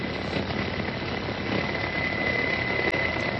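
A helicopter engine runs with a steady, unbroken roar and a faint high whine on top while soldiers help a wounded sergeant onto the helicopter, holding the same loudness throughout with no voices.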